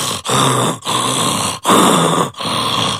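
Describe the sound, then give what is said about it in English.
A person imitates a leopard's sawing call: four harsh, rasping grunts in a steady back-and-forth rhythm, loud and breathy, like a saw dragged through wood, with brief gaps between strokes. “You know, a leopard is called sawing. So like your mountain lions, but they are yellow and black with black rosettes. And it is truly like a sawing.”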